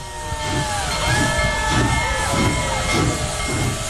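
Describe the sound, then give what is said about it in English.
The steam locomotive Big Boy Number 4014 releases steam at Greeley's 10th Street crossing in a steady, loud hiss with rhythmic chuffing bursts underneath. The faint ringing of its bell drifts over the top, and no one speaks. “Hundreds of spectators cheered as the locomotive bellowed black steam and rang its bell.”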